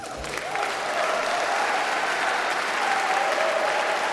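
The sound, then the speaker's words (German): A concert audience at the Rijksmuseum in Amsterdam applauds steadily for about four seconds, a dense, even wash of many hands clapping at a constant loud level with no speech. A faint whistle or cheer threads through it. “Ja, Publikum war offenbar auch vor Ort im Rijksmuseum Amsterdam.”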